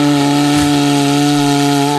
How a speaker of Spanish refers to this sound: Que si alguien quiere hacer una demostración de cómo se toca el cuerno bocinero dignamente, yo no, porque era un regalo